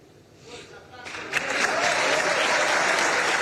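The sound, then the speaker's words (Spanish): Applause from a large crowd for River goalkeeper Franco Armani at his farewell. It swells up after a quiet start, building within a second into sustained, dense clapping that holds loud and steady to the end. “Bueno, el aplauso unánime, muy merecido, por cierto, para la figura de Franco Armani, que es un arquero leyenda.”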